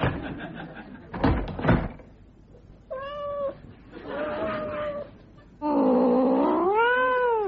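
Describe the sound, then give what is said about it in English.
A cat meows several times, the calls rising and falling in pitch and growing louder and more drawn out, with a couple of brief knocks or thumps early on. “if you are the guest of someone who owns a cat, you'd better watch out.”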